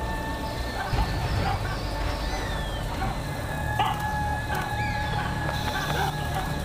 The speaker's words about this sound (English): A tawny eagle.